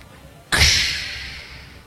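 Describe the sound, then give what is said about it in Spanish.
A Coca-Cola soda can pops open with a sharp crack at about half a second, followed by a bright, hissing fizz that slowly fades over the next second and a half. “Usted coge la latita, la mira, la lata, a mí me gusta la de lata. Y la abre.”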